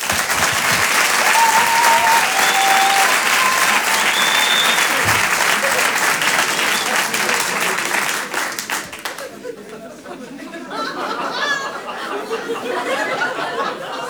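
A large comedy club audience bursts into sustained, loud applause for a comedian, with scattered whistles and cheers, the clapping thinning out after several seconds as laughter and chatter take over.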